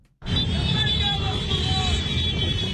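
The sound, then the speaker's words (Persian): A loud, busy street at night during a midnight demonstration by Hezbollah supporters, with flag-carrying motorcyclists rushing into the streets to protest an agreement between Lebanon and Israel. A dense crowd's shouting and babble rise over steady engine rumble, with high whistles or horns cutting through the continuous din. “تظاهرات نیمه شب هواداران حزب الله، موتورسیکلت سواران پرچم به دست به خیابان‌ها هجوم آوردند در اعتراض به توافق دو دولت لبنان و اسرائیل در واشنگتن.”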